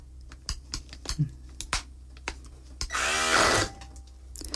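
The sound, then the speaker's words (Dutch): Scattered clicks and knocks of handling, then a hand blender whirs loudly in one short, grinding burst of about a second through cooked chickpeas with some of their cooking water left in, before cutting off. “Dus nu zal ik eventjes met die mixer in die kikkererwten gaan en kijken voor dat een beetje te mixen.”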